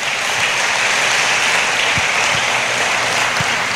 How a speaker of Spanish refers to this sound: Dele la gloria a Dios con un fuerte aplauso en esta noche.